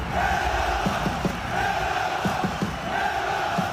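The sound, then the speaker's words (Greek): A large crowd of South Melbourne supporters in Australia, holding Greek flags before a match, chants "Hellas" in a steady, repeating rhythm, many voices merging into a loud, sustained roar with rhythmic surges on each call. “Αν ακούσουμε εδώ, φωνάζουν Ελλάς, αν ακούσουμε τον ήχο.”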